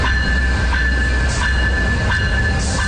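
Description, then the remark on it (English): A Via Rail passenger train rumbles steadily, its low drone broken by periodic clanks and a high, sustained whine as it pulls into Guildwood Station in Scarborough to load passengers; no voices are heard. “Morning, Via Rail train arrives at Scarborough Guildwood Station loading passengers, something that won't be happening for much longer.”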